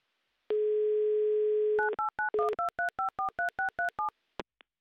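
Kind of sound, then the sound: signal or alarm, telephone ringback tones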